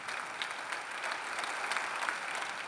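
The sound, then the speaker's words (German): A crowd of Bremen SPD party members applauds Bovenschulte's speech steadily, a dense, even patter of many clapping hands with faint cheering mixed in, holding at a constant moderate level throughout. “Doch der Jubel kann nicht darüber hinwegtäuschen, dass die stolze Bremer SPD schrumpft.”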